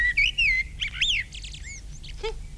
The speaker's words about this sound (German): Ja, selbst aufgenommen. Drüben am Fliederstrauch. Frau Amsel brütet bereits und ihr Mann singt für sie die hübschesten Lieder.